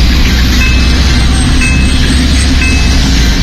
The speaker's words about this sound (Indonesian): Oke, ini dia kawan, Anda bisa lihat ya di visual radio kami, pantauan untuk lalu lintas memang masih lancar dua arah nih ya di kawasan Wendit.